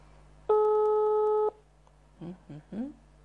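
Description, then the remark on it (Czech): A single steady telephone ringback tone sounds for about a second, clear, then cuts off; after a short pause a voice briefly begins speaking on the line as a studio places a phone call to a listener. “Tak uvidíme, zda se nám podaří spojit s naší jednou z našich uživatelek Multirady s paní ….”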